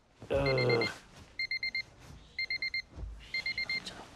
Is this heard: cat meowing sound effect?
no